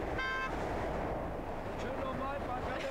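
Steady traffic roars on the A2 motorway as its full closure for construction is lifted on Sunday at 12:15 and traffic rolls again, with a short car horn honking near the start and a few fainter honks further on amid the continuous rush of vehicles.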